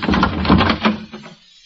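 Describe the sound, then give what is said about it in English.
A doorknob on a bolted door is rattled and jiggled hard for about a second, a dense metallic clatter of quick repeated clicks that tapers off into a few last taps, with no voices. “What are you doing with that doorknob?”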